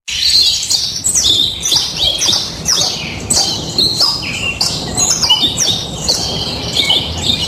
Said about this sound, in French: Alors effectivement, des oiseaux. Alors j'ai mis des oiseaux en cage. Au moins, c'est des oiseaux.